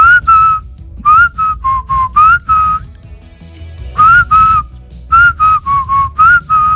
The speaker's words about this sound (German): Die 80er, 90er ohne zum Beispiel dieses Pfeifen undenkbar.